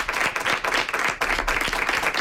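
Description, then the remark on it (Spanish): A crowd breaks into steady, enthusiastic applause for an arriving guest, a singer and musician, many hands clapping densely and continuously, with no voices standing out over it. “¡Un aplauso para él!”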